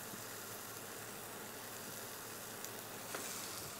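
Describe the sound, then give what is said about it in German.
Cheese sizzles steadily in a frying pan, crisping like small chips, a continuous crackling hiss with a few faint pops and no voices. “Wie so bei kleinen Chips kannst du das auch hier einfach in der Pfanne machen.”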